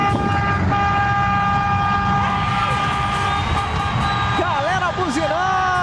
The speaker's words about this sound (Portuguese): Ó, tem umas buzininhas aqui, ó. Ó. Umas buzinhas de boiola, né, cara? E acontece mesmo.